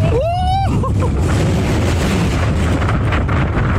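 A roller coaster ride: a brief shrill, rising squeal at the start, then a loud, steady roaring rumble with buffeting wind noise that carries on to the end.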